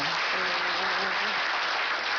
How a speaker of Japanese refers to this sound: 皆さん金華サバご存知でしょうか？ご存知の方拍手お願いします。